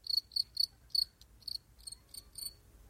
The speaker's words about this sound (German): kann man die Grille hier bitte mal... Mann! Ausgegrillt.